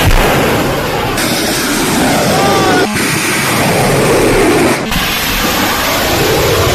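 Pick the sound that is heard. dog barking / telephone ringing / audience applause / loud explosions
loud explosions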